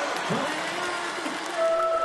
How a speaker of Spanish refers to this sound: ¡Fuerte ese aplauso!